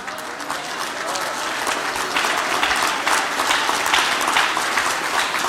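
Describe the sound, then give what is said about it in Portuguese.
Sustained applause from an audience giving applause to the Lord, a dense, steady wash of many hands clapping at an even loudness throughout, with a faint murmur of voices mixed in. “Dê um aplauso para o Senhor.”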